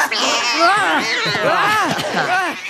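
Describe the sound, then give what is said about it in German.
Three young kittens, just sprung out from under a jacket, mew in high, thin cries that overlap one another, fairly loud, a continuous tumble of rising and falling calls lasting a few seconds. “Drei junge Kätzchen waren darunter hervorgesprungen”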